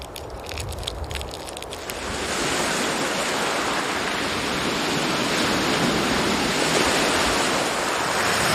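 Sea waves of a rising tide washing into a mangrove forest: a dense, hissing roar of surf that swells up after the first two seconds and then holds steady and loud, with no voices.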